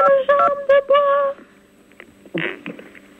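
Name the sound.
telephone keypad DTMF tones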